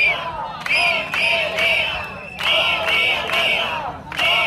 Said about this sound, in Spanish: Es el sonido de la protesta que está teniendo lugar allí en la puerta de la consellería.